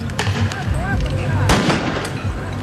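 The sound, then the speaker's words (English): Sharp pops of tear gas launchers go off as police break up a noisy crowd of demonstrators in the streets of Geneva: a few bursts, the loudest midway, over steady shouting voices, with a whistle-like tone rising briefly through the din. “Demonstrators clashed with police in the streets of Geneva today, officers using water cannons and tear gas to break up the crowd.”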